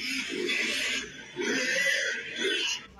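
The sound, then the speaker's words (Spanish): Three grunting, squealing pig oinks in quick succession, loud, each a raspy burst with a short pause between them, a sound effect played alone with no talking. “está Santo Domingo como si fuera un chiquero de puerco”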